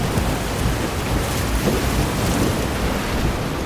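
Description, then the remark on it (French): A steady, dense wash of breaking waves, a broad hissing roar with low rumbling underneath, holding an even loudness throughout with no distinct individual crashes and no voices. “Je sais pas si le bruit des vagues empêche d'entendre, mais...”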